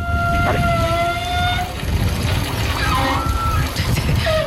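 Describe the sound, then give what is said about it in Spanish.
Water pipes of a gym's many showers hum and whine as hot water starts to flow through the wide pipes, with steady, overlapping tones that shift pitch partway through, over a continuous low rushing rumble of flowing water. Fairly loud, with no talking. “No, de los gimnasios, como tienen muchas duchas, las tuberías son más anchas. Entonces cuando empieza a pasar el agua caliente, supongo que vibrará o hará algo del estilo y hace un sonido parecido.”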